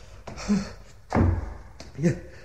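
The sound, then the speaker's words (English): A few heavy, uneven thuds against the locked door of a bell tower, loud, with the strongest blow in the middle and brief strained vocal sounds between them. “The door to the bell tower itself. Oh, God, I can't look down. I cannot look. It's locked.”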